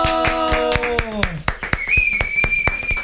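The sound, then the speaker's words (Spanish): Steady, rhythmic, fairly loud hand clapping, about four claps per second throughout, with a falling voice-like tone early on and a sustained high whistle joining in midway. “Aplausos para ti”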